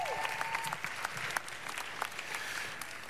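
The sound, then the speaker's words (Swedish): An audience claps steadily for a few seconds, a dense wash of many hands at moderate volume with no one speaking, faint whistles or tones briefly audible near the start. “Varsågod och sätt mig genom en applåd.”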